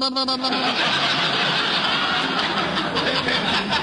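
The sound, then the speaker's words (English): A voice imitates a sputtering car engine, a dense, rattling buzz that starts with a few harmonic tones and then churns steadily and loudly for several seconds without any words. “Now, who would want to steal my car? Somebody that goes...”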